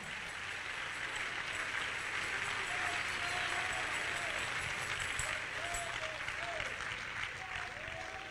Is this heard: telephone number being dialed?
no